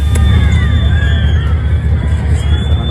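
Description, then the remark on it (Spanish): A loud, dense crowd in Cádiz roars and shouts without pause at Spain's Interior Minister during a Guardia Civil parade for the Virgen del Pilar, with shrill whistles rising and falling over the din, and one thin, steady high whistle holds through most of it. “Recibido con silbidos y con gritos de fuera en Cádiz, donde se celebró un desfile con motivo de la patrona del cuerpo, de la Virgen del Pilar, una parada militar que estuvo presidida por el ministro”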